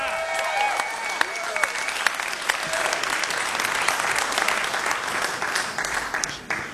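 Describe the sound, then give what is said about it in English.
A crowd claps steadily and enthusiastically for several seconds for a band at Mountain Stage, a live performance radio show from West Virginia, a dense patter of many hands with a few whoops and shouts rising above it, tapering slightly at the end. “Give it up one more time”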